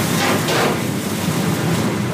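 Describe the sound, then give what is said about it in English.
Syrniki, small Ukrainian cheese pancakes the size of Oreos, sizzle on a griddle in a kitchen in Kyiv in a steady, dense hiss flecked with tiny crackles and pops, holding an even loudness throughout with no voices. “he heard this sweet sizzle every morning in his mom's kitchen.”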